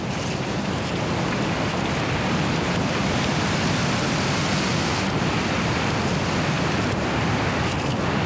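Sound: wind blowing outdoors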